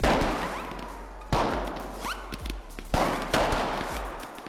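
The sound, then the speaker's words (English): Fireworks go off outdoors at a funeral: four loud bangs at irregular intervals, each trailing into a long echoing crackle and rumble, with a brief rising whistle between blasts. “After learning about the rise and rise of firework funerals earlier this week”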